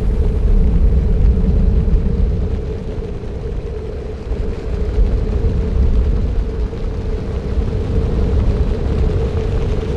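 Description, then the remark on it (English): A deep, continuous roar of countless beating wings from an enormous flock of passenger pigeons passing over a city, loud, rumbling steadily for the whole stretch with a slight dip in the middle. No voices. “The thunder of wings made shouting necessary for human communication.”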